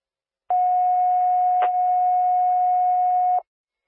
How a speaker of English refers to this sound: Canceled, you can disregard those tones. They were sent in error.